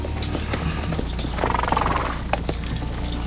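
Hooves of a ridden horse clip-clop at a steady walking pace, with a busy outdoor ambience behind them and a brief swell of noise midway.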